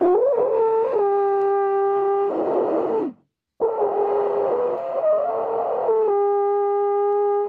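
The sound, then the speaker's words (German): A loud, clumsy blast on a three-piece alphorn that screws together, two long wavering notes separated by a short breath pause, with breathy noise and unsteady pitch, no talking. “Klingt wie ein Elefant mit Zahnschmerzen.”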